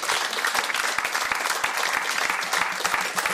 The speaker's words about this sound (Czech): Zatleskáme ….